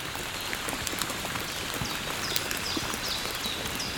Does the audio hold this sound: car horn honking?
no